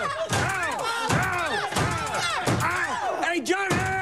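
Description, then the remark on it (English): In a comedy film scene, a door slams shut again and again on actor John Slattery's foot, about five loud thuds in a steady rhythm, while a voice yells and cries out over the repeated impacts. “Like all of Wayne's movies, this one is filled with dumb jokes and silly visual gags, like when Hamm's Mad Men co-star John Slattery's foot keeps getting slammed in a door.”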